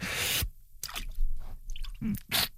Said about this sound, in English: Now it's time to dunk our arms in the cold water. Again.